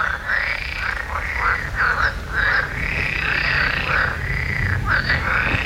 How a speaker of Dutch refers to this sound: die is tijdens een late avondwandeling getuige van een luidruchtige kikkerconversatie.